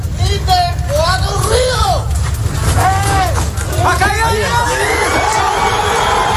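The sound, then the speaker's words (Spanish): At a rubble rescue in a Colombian city, an excited crowd erupts in cheering when a man trapped under the rubble cries out in response. Many raised voices shout and whoop over one another in rising and falling calls, loud and continuous above a steady low rumble. “Pues la exaltación de la gente cuando escuchan ese grito desesperado de como respuesta del hombre que está atrapado ahí entre los escombros y que finalmente han conseguido rescatar.”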